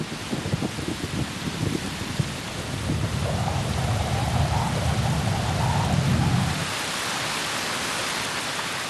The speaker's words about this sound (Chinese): 天气骤变，又是一场疾风暴雨袭来。